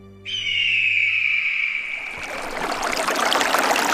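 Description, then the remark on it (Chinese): A steady high whistling tone gives way to the continuous rush of flowing river water, clear and muddy streams meeting where the Sanggan and Yang rivers join to form the Yongding River, a tributary of the Hai River, filling the second half with a dense, bubbling wash of sound. “在三干河与洋河的交汇处，清浊两色的河水塑造了海河支流永定河出生的容颜。”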